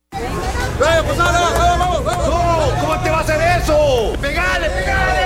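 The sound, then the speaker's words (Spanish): A loud crowd shouting and cheering, many voices overlapping in a dense, excited roar with rising and falling yells throughout, as at a football match. “Si lo grita todo pulmón, eso que siente se llama fútbol.”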